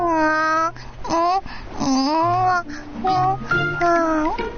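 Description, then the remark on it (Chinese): A baby cries loudly in a string of rising and falling wails, with short breaks between them, for a few seconds and with no one talking over it. “哭声”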